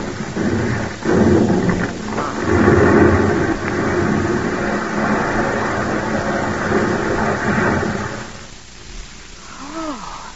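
A landslide rumbles down near the road as a car drives along, a deep, heavy roar of tumbling earth and rock that stays loud and continuous for several seconds before abruptly dying away.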